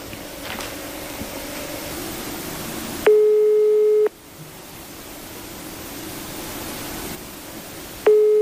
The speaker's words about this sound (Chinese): 按照这个包装袋上黑龙江龙兴肥业有限公司的服务电话，现在是没人接听的一个状态。